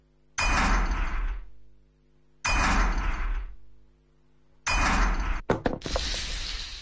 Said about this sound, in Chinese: 铁锁砸开了， 把门打开。